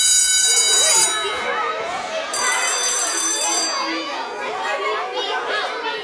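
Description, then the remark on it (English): Two bursts of bright, high-pitched electronic alert tones, the WHIO Storm Center weather alert tones of WHIO radio in Dayton signalling emergency weather information, the first brief and the second longer, sounding over a steady murmur of voices. “It means when you hear these tones, you are just a few minutes away from emergency weather information.”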